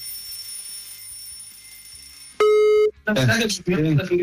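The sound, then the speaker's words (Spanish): A faint steady electronic hum gives way to one loud, sharp telephone line tone lasting about half a second as a call is dialed live on the radio show Camashow on 100.1 FM, then people start talking right after it. “Marcamos entonces ahora.”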